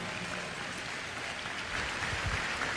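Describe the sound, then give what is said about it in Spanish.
A crowd applauds with steady, dense clapping that holds at an even level for a few seconds and swells slightly toward the end, with no voices standing out. The applause is given in honor of Jesus Christ. “Un aplauso al liberador, a nuestro Señor Jesucristo.”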